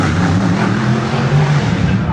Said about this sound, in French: La foule est compacte derrière les barrières pour entendre rugir les moteurs.